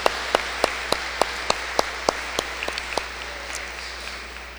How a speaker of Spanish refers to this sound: y les damos un fuerte aplauso en el día de su cumpleaños.